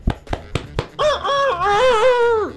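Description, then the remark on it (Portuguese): A rooster crows loudly, one long drawn-out cock-a-doodle-doo, preceded by four short sharp clucks or taps in quick succession. “Aqui o galo, ó. Aqui, ó.”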